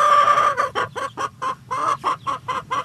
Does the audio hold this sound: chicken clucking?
yes